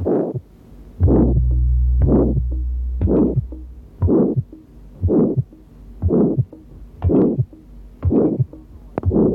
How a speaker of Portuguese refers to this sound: O sopro sistólico é áspero em forma de losango, terminando antes de um segundo som normal. O que se ouve no segundo espaço intercostal direito é o seguinte.